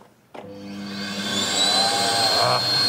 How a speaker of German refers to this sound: es brummt, nicht nur das kaputte Radio vom Yannick brummt, sondern auch der Staubsauger